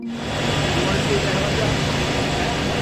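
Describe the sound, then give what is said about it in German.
A helicopter engine runs with a steady, loud whining drone and a low rumble, holding constant throughout without pauses; it is Trump's helicopter, being shown to Xi. “Trump zeigt Xi seinen Helikopter.”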